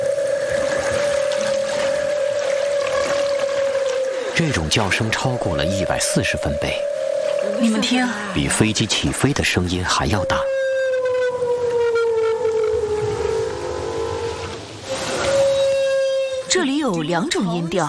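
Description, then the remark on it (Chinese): A humpback whale's long, moaning underwater calls, sustained siren-like tones that slowly bend in pitch, broken by bursts of rapid pulsing, picked up loud by a hydrophone and played through a speaker; the call exceeds 140 decibels and carries two tones. “丽萨的水听器捕捉到了大翅鲸在水下的叫声，扬声器中传出了大翅鲸悠长的叫声。”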